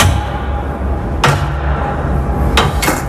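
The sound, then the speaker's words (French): A heavy floor hatch, the access door to a worker's office space, is worked open: a sharp metallic clank, then a pair of quick thuds near the end, over a steady low rumble. Fairly loud, with no talking. “Sous la trappe en caille boutique que je vais vous ouvrir maintenant.”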